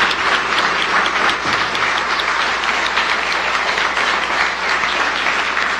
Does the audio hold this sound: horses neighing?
no